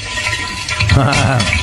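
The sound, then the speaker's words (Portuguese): Eggs sizzle and crackle in a frying pan, a steady, fairly loud hiss with popping texture that grows slightly busier toward the end of the short stretch. “Ah, esse é barulho de ovo fritando.”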